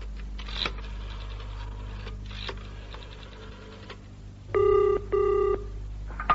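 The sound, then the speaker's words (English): A few mechanical clicks and rattles like a rotary dial being turned as someone makes a phone call, followed by two short, bright ringing tones of a telephone ringback, fairly loud, with no one speaking. “Excuse me, I have to make a phone call.”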